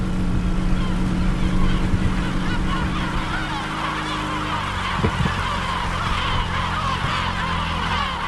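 A motorboat engine drones steadily as the boat heads toward an island in a lagoon at sunrise, its low hum easing slightly partway through, while honking calls of the many gulls flying overhead and rushing wind noise ride over it.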